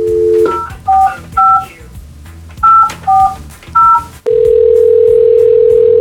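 A rapid series of short two-tone telephone keypad beeps punches out a number in uneven bursts, then a loud, steady ringing tone hums on alone to the end, as the Houston radio station Houston's Eagle places an on-air phone call.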